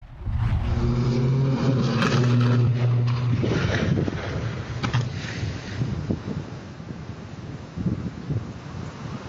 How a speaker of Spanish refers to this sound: Y en Fort Worth, un piloto murió al estrellarse la avioneta que tripulaba cerca de un aeródromo. Este es el momento exacto del accidente.